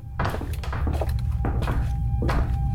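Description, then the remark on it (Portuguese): Several heavy, irregularly spaced knocks by inspectors thud against the door of Carvalhão Gil's house in Lisbon, fairly loud over a steady low hum, followed by what sounds like the door being opened. “Quando os inspectores batem à porta, é o irmão dele quem abre.”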